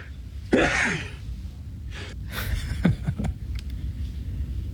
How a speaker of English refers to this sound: Oh my goodness. That's a quadruple that sneeze tiny. There, Father. Yeah, usually they come in sevens.